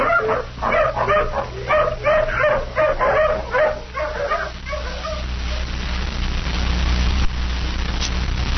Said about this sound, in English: Dog's lost the trail again at the foot of this cliff.